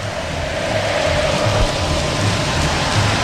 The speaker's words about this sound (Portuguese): O São Paulo é sentimento que jamais acabará. É o que canta o torcedor são paulino.